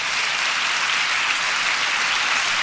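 An audience at a sermon on praising God claps in a dense, steady burst of applause, loud and even throughout, with many hands blending into a continuous crackling wash and no voices heard.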